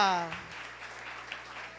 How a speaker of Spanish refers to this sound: Y tu pueblo que lo cree te da un fuerte aplauso en esta mañana.